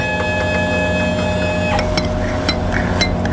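A Chilux Big Bang home ice cream maker's motor hums steadily with a whirring drone while making ice cream at home. Partway through the whine drops away, leaving a lower churning rumble with light clicks and taps.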